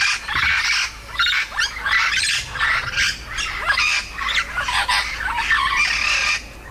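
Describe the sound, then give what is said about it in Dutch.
Yellow-shouldered amazon parrots, medium-sized parrots known on Aruba as the Lora, squawking in a steady stream of loud, harsh, raspy calls, one after another with brief gaps, no voices present. “In Vogelpark Avifauna zijn vier geelvleugel Amazones uit het ei gekropen.”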